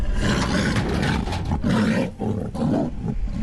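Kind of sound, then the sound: animal, tiger roaring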